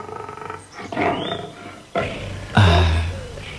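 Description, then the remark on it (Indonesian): A very large tiger, almost twice the size of an adult male buffalo, roars in several heavy bursts, the last one the loudest and deepest, rumbling with no one talking. “Sudah berapa lama harimau itu di sini? Baru kali ini kulihat harimau sebesar itu.”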